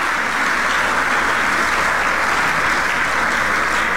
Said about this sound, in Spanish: Denle un aplauso al Rey de la Gloria y vamos a seguir.